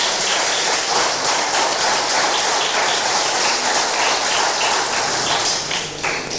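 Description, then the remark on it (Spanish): An audience applauds loudly and steadily, many hands clapping into a dense, crackling wash that holds for several seconds before easing slightly at the end. No voices can be heard. “Dale un fuerte aplauso, hermano, hermana.”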